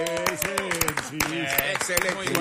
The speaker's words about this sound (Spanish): Pero yo sí creo que hay que dar un aplauso